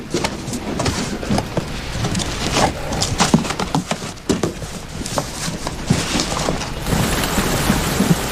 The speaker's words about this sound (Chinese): 哎呦，这个下雨了，我要不要给你们找个伞呀